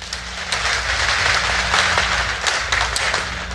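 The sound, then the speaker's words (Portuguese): An audience breaks into steady, sustained applause, dense overlapping clapping with a few sharper claps standing out, loud throughout, over a low hum, with no voices. “Quero uma salva de palmas.”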